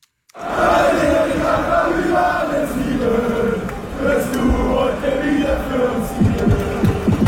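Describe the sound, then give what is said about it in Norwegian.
A large crowd of Bayern München football supporters sings loudly in unison before an away match, a sustained, rhythmic chant with many voices blending into a dense, roaring wall of sound throughout. “Bayern München-supportere synger høylytt før en bortekamp.”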